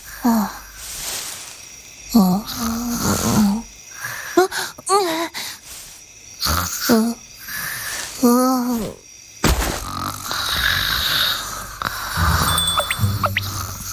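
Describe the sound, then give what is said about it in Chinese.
Exaggerated, cartoon-style snoring: a series of drawn-out, groaning breaths with wavering pitch, fairly loud, then a steady noisy hiss of background ambience. “这都能睡着？”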